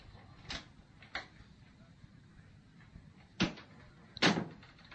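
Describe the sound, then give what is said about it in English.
An unlocked door being opened, with a few sharp latch clicks and knocks spaced irregularly, the last two louder, over a low background hum with no talking. “Come in. The door isn't locked anymore.”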